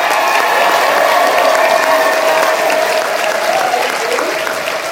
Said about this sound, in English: Thank you so much. Let's have a round of applause for all of our panelists.